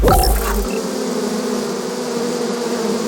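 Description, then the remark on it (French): A dense, steady drone of a huge swarm of thousands of bees, continuous and fairly loud, filling the whole moment with layered humming tones and no voices, after a brief low thump at the start. “vous mettez des abeilles dans l'oreille, là. Oui, des milliers d'abeilles, rien que pour vous et pour éviter que des éléphants ne s'invitent dans ce studio.”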